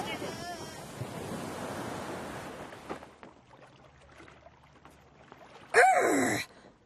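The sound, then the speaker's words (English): A broad rushing wash of surf on rough seas in the rain rolls for a few seconds, then drops away to a quiet lull before a brief, loud burst with a swooping cry near the end. “Roll with the waves, me hearties.”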